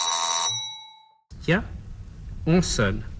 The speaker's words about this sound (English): Oh, the doorbell. There must be someone there.